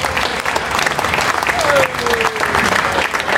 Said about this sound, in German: Und ich möchte mich heute von Herzen bei allen Ehrenamtlichen bedanken, weil ohne euch wäre dieses Heinerfest nicht möglich. Ein Applaus für alle Ehrenamtler, bitte.